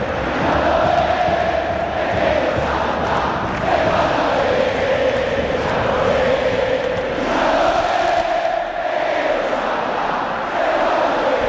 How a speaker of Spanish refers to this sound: Tremendo, realmente tremendo la definición y el griterío de la gente en el Mario Alberto Kempes Brusco. Tremenda definición de partido.